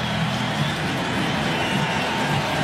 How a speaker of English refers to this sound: Let's hear the crowd. Fifth strikeout. Pat Murphy on his way out, and the sellout crowd already standing here.